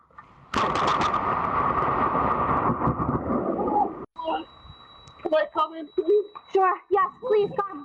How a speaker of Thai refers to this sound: ผู้ชายคนหนึ่งเนี่ยเดินผ่านต้นไม้เป็นจังหวะที่ฟ้าผ่าลงมาเขาร่วงลงไปแต่เขาลุกขึ้นมาได้